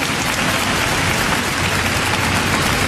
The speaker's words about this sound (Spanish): Y si le va a aplaudir al Señor, apláudale con fuerza, con una actitud distinta y diferente, con una actitud de fe.